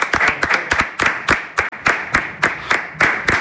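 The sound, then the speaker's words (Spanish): Two newsroom interns clap together in a steady, brisk run of sharp, crisp claps that hold an even loudness throughout, with no voices over them. “Y ahí me he traído dos becarios de la redacción que están aquí solo para aplaudir cuando yo salga.”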